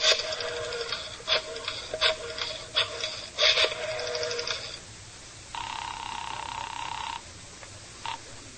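A phone is dialed in a quick run of short tonal bursts, followed by a single steady ring tone, then a brief blip. No voices, clear.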